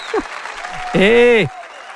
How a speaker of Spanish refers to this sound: Y todos me aplauden.